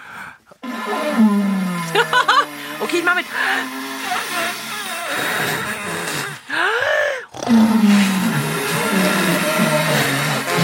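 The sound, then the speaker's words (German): Someone imitates a snoring dinosaur by groaning into a watering can: long, low, hollow roars with wavering pitch, repeated several times, with a voice speaking briefly at the start. “Das ist das fabelhafte Dino-Schnarchkonzert.”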